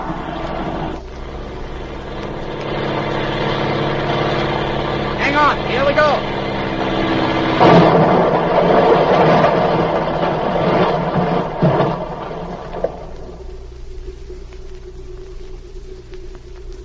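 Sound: small airplane engine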